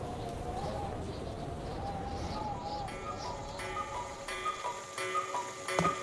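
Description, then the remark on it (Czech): Several cuckoo clocks tick steadily while their cuckoo calls repeat over and over, sounding together to strike twelve o'clock in a busy chorus of chimes and coos. “Když kukačky ohlásily 12, babička začala vyhlížet dědu”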